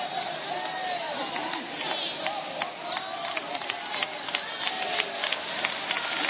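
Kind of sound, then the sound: crowd, audience clapping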